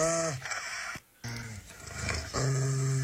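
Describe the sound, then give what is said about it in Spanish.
A dog that got into the studio growls in long, low, rumbling bursts, breaking off briefly before starting again louder and steadier, with no one talking over it. “Es R, güey, se metió un perro.”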